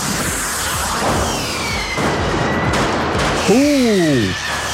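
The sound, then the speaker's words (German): Fireworks exploding: a dense, continuous crackle of pops and bangs, with a loud whistling rocket near the end that swoops down in pitch, plus fainter high whistles in the background. “Ich höre ein Feuerwerk.”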